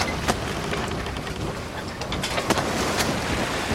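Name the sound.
boat crossing the sea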